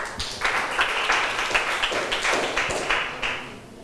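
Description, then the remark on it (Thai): A group of students in a classroom claps for a classmate from the fifth group who answered, a steady crackle of many hands beating at a brisk, uneven pace for a few seconds with no voices over it. “นักเรียนถัดมากลุ่มสุดท้ายกลุ่มที่5กลุ่มที่5ใครจะตอบดีปรบมือให้เพื่อนหน่อยค่ะ”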